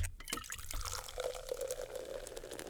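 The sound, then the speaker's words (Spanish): The 'Coca-Cola tone' sound cue: soda being poured into a glass, a steady fizzing gush with bright crackling bubbles and a faint rising tone as the liquid fills, no voices over it. “¿Cuál es el tono Coca-Cola, mi El Jerji? Fácil, es este.”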